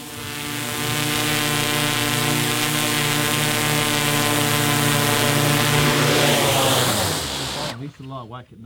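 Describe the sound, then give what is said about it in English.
A drone's rotors whine in a loud, steady buzz as it is flown back home over a farm, then shift pitch as it descends to land before the motors abruptly cut out at the end. “Time to bring the drone home.”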